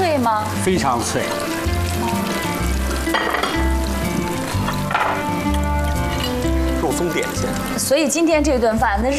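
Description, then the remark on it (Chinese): Tofu pieces coated in flour powder are put in all together to deep-fry in oil heated to about sixty percent, giving a steady crackling sizzle that runs the whole way through, while people talk over it. “开火炸着， 这样一块儿都倒进去是吗？”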